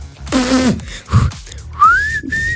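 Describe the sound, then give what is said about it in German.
A person whistles a clear, sustained note that slides upward and holds, after a few brief breathy vocal sounds and a soft thump. “Können wir denn auch so schön pfeifen?”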